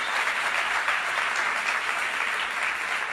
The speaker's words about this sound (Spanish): Está bien. Al basquetbolista. Denle un aplauso al basquetbolista de nuevo.